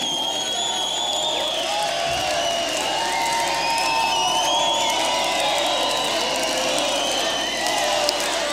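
A large crowd claps and cheers steadily throughout, with dense, sustained applause, scattered whoops and high whistles rising over it, loud and continuous with no pauses.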